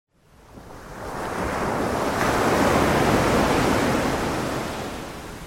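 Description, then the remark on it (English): Ocean waves break on the shore of the Isle of Wight in a broad, steady roar of surf that swells up over a couple of seconds and slowly recedes, with no voices present. “at night until 5 in the morning, we bring you 6 hours of uninterrupted Isle of Wight ocean sounds.”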